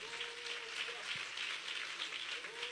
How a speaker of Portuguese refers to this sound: Quem crê, aplaude ao nome de Jesus.